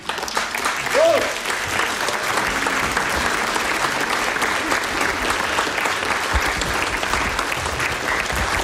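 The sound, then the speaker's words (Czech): An audience applauds steadily for several seconds as Petr Fake is introduced at an evening talk, a dense, even wash of clapping at constant loudness, with a brief voice or shout rising over it near the start. “Ale když k tomu přijde ten chlapík, tak mu vždycky všichni tleskají.”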